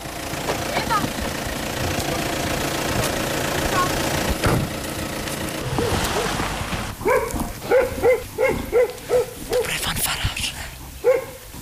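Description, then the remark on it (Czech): A German car's engine rumbles steadily for several seconds as it arrives in the village centre of Hrčava, by the church, school and municipal office, then a dog starts barking in a quick series of sharp, repeated barks over the fading motor noise. “Zřejmě všichni se sjíždějí, i když to je německé auto, tak ten asi na mši nejde.”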